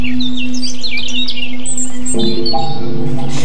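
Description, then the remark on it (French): Several small birds chirp and tweet in quick overlapping bursts in a newly planted forest garden, clear over a steady low hum; a brighter tonal drone joins partway through. “C'est une forêt qui attend beaucoup d'oiseaux.”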